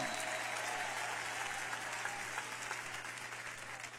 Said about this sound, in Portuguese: Quem se alegra por isso, batam palmas e dêem glória a Deus. Podem aplaudir ao Senhor.